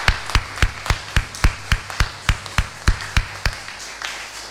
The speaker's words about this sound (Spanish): Un fuerte aplauso para los papás.